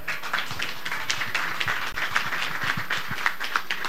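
A large audience in a hall applauds, a dense, steady patter of many hands clapping that holds at an even level throughout, with no voices over it.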